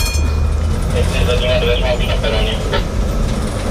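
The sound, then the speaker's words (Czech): A tram-train, a converted old Brno tram running on electric power, rolls along a railway track on a short test run to nearby Libáň. A loud, steady rumble with a thin metallic whine and squeal rides over the clatter of wheels. “Vlakotramvaj vyjela na krátkou zkušební jízdu do nedaleké Libáně.”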